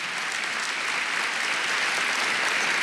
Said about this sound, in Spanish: Dale un aplauso lindo al Señor.